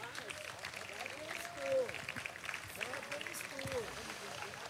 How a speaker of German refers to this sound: Ein Riesenapplaus für diese großartige Leistung.